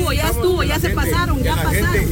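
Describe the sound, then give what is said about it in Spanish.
Several heavy trucks rumble past with a steady, loud low engine drone, while a gathered crowd of people chatters over the traffic noise. “¿Cuántos camiones? En todo lo que nosotros estamos aquí platicando, miren, se pasaron.”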